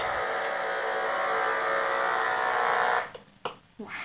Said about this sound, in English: You might be able to hear that the knife fish is producing a nearly constant stream of electrical pulses.